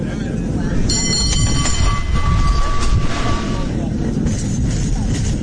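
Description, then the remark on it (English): A cable car rumbles steadily along its rails, its wheels letting out a sustained high metallic squeal for a few seconds before settling back into the low, continuous clatter, with faint voices around. “But in this litigious country, cable cars strike me as lawsuits on wheels.”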